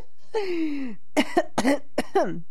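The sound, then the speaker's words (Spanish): A person coughs several times in quick succession, fairly loud, after a drawn-out throaty vocal sound; sharp bursts with short gaps, no speech. “Ay, hasta me dio la tos, oigan.”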